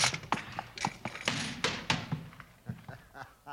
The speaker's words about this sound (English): Rattler, we gotta work fast. Drop that trap door in place. Yeah, here goes.